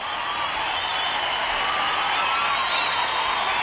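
A large crowd cheering and roaring in a steady, dense wash of noise that holds at an even, fairly loud level for the whole stretch, with no single voice standing out.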